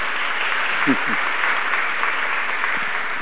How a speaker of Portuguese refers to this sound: Isso, uma salva de palmas para ela lá.